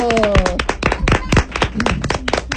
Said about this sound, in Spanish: Aplauso para nosotros.